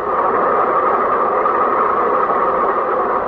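A train stopped at a railroad crossing after a car ran into it idles with a steady, unbroken engine rumble and hum, loud, holding the same level throughout with no voices.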